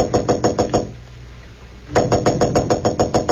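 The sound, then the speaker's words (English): Quick, rapid knocking by Clark Kent on the door of room 911 at the Marlboro Hotel in Marsden City: a burst of sharp, evenly spaced raps, a brief pause, then a longer run of loud knocks, with no voices. “Roebling aboard a Metropolis-bound train to room 911 at the Marlboro Hotel in Marsden City, Clark Kent was about to knock at the door when suddenly he blanched.”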